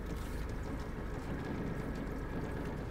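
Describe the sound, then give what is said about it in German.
A small motorboat's engine drones on steadily without a break, an even low rumble with a faint watery hiss on top and no voices, as the boat heads for a lock toward Harburg harbour on the Elbe. “Wir würden gerne mit einem kleinen Motorboot in Richtung Harburger Hafen schleusen.”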